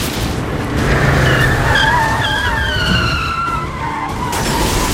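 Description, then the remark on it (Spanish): A car skids hard after a tire blows out during a stunt scene filmed for a TV series, its tires screeching in long wavering squeals for several seconds over a loud, steady roar of engine and road noise, intense. “Reventón de una rueda.”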